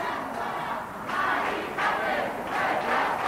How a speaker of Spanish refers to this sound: Sacada del inmueble en camilla por sanitarios del SAMUR, entre gritos de "no está sola" de las personas concentradas.